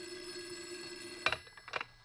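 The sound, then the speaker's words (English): A shrill telephone bell rings in a room, a sustained metallic ringing tone broken by two bright clattering bursts of the bell, loud and alone with no voices. “As I was about to lift him off the bed, the phone rang. A shrill ring filled the room.”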